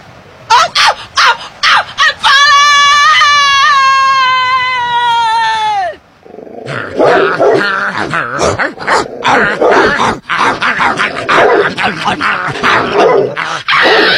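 Dogs bark and growl loudly: a quick run of sharp barks, a long drawn-out howl-like tone, then several seconds of rough, continuous growling mixed with more barking.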